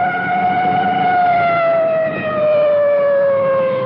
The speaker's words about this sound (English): Coming up to a large intersection now, you can hear that full treatment on the siren.